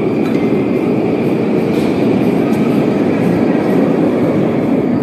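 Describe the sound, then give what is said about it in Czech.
A subway train of the Novosibirsk metro rumbles loudly and steadily through an underground station, a dense roar with faint high metallic squeals on top, continuous for the whole stretch with no one talking. “Takže tady vidíš, jak se vzkází do metra, jo?”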